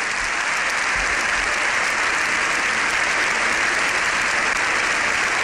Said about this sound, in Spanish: Le han ovacionado mucho, más de 7 minutos de aplausos con todos en pie.